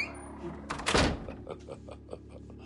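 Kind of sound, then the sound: household object, doors opening and closing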